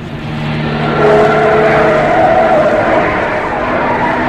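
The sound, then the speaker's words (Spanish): A car engine hums steadily while driving, its pitch rising slightly as the vehicle revs and turns onto a road, with a faint tire squeal midway, as it reaches the Hassel Mahal neighborhood of Tangier. It is fairly loud, and no one speaks. “Calimán mira por la ventanilla del auto.”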